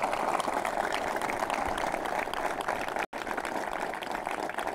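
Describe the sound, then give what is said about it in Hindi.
Steady applause from an audience at NDTV's Jai Jawan programme, a dense, continuous wash of many hands clapping at an even loudness, with one brief cut to silence near the end before the clapping resumes. “मैं जय जवान कार्यक्रम में एक बार फिर आप सभी का स्वागत करती हूं, और आपके तालियों की आवाज़ में एक ताली आप मेरी भी ज़रूर स्वीकार करें।”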